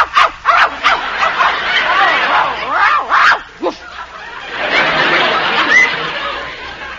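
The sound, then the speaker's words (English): A dog yips and barks in quick, excited bursts, with high whining yelps sliding up and down between them, moderately loud against a faint background hiss. “It's a dog. She's got a dog.”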